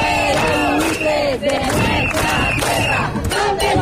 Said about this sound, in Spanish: Fuera buitres de nuestras tierras, ¿dónde están? No se ven las viviendas de alquiler. Fueron algunas de las consignas que se gritaron en la jornada del domingo por alrededor de 800 personas que se manifestaban también en las calles de Arrecife